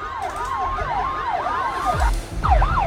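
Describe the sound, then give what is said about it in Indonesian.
Several emergency sirens wail and yelp together: police sirens escorting an ambulance through heavy, slow-moving traffic near the Grand Mercure. Their rapid rising-and-falling sweeps overlap loudly over low traffic rumble, with no one speaking. “Ada pengawalan juga dari ambulans gitu. Polisi mengawal ambulans maksudnya.”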